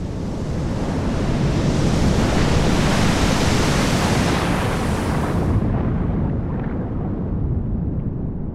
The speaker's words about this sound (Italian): ma l'aria era strana, il colore delle onde si era incupito e il mare sembrava ritirarsi. Si ricordò di una storia di tanto tempo prima che gli raccontava suo nonno e intuì che era in arrivo un'onda micidiale.